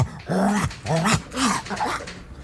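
A wire-haired dachshund named Norbert growls in four short, loud bursts after someone steps on his tail, the snarls rising and falling in pitch with a whiny edge, with no one talking over them.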